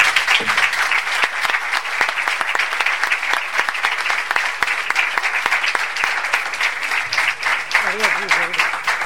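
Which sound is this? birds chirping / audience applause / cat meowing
audience applause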